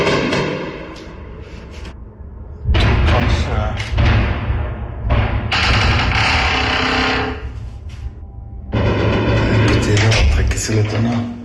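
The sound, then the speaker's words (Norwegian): Several loud, heavy explosions boom in succession during a nighttime Russian missile and drone attack in Ukraine, each a deep thud followed by a long rumbling roar that blends into the next, with faint speech underneath. “Nå smaller det veldig.”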